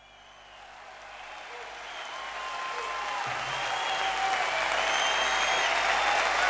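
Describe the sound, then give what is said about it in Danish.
A live concert crowd at a music venue in Hammersmith, London, recorded by radio, applauds, the clapping swelling steadily louder into a dense roar, with scattered whistles and faint cheers rising over it. “Nu synes jeg, vi skal høre noget fra en radio, der optager nogen, der spiller på et musiksted.”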